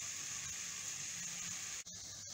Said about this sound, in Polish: Smaży, smaży, smaży się, naleśnik się smaży, smaży, naleśnik się smaży fajnie. Fajnie na patelni się smaży, la la la la la la, naleśnik się smaży.